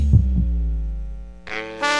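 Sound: heartbeat sound effect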